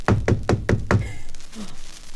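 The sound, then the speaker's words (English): Five firm knocks on a door in quick, even succession, loud, followed by faint background noise. “There's somebody knocking.”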